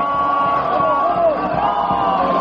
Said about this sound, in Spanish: Así está el público de pie en las tribunas del Parque Cerdán, pidiéndole el ponche a Bracho.